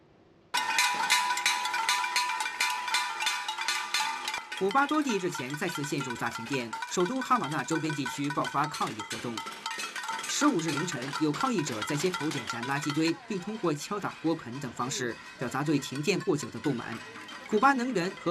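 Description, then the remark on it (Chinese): Pots and pans being banged by protesters in the streets around Havana, Cuba, in the early morning during a prolonged power blackout, a rapid, clattering metallic din, ringing tones throughout, mixed with shouting voices of a crowd. “15日凌晨，有抗议者在街头点燃垃圾堆，并通过敲打锅盆等方式表达对停电过久的不满。”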